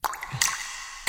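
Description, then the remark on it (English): Water drips from a leak, a few separate drops plinking and plopping in quick succession with a quiet hiss between them, then a brief louder splashy burst at the end. No one speaks. “Do you hear the sound of running water when everything is off? These can be signs of a hidden water leak.”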